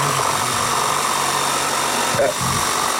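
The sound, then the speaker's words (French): A steady, loud mechanical whir of power tools runs throughout, with a brief burst of extra noise partway through, from construction work going on behind a caller during a phone call. “Il y a des travaux ou quelque chose derrière vous, je pense.”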